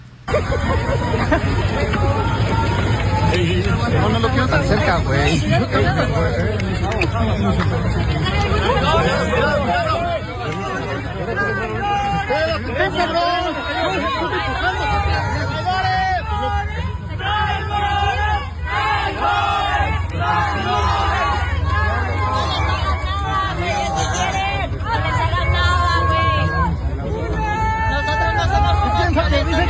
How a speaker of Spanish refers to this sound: Vamos a escuchar esta reacción en el momento en que literalmente corren al secretario de gobierno de la Ciudad de México, César Cravioto, con los gritos incluso de traidores, le dicen las madres buscadoras.